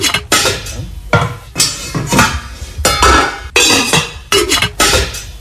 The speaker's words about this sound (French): Oui, c'est des bruits de cuisine ou de casserole, de poêle.